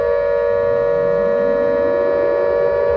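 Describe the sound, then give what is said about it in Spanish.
A loud, sustained border alarm siren wails continuously at the Mexico–United States border, the signal for the border patrol to be ready, holding a steady piercing tone with a low rising rumble underneath, with no voices present. “Sonó la alarma.”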